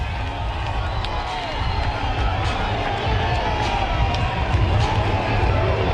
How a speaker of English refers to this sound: We are tied. Number 7 makes it 7-7. Winning run at second for Amarillo. The cardiac Soddy is alive and well in the postseason at Hutchtown. And this crowd is losing it.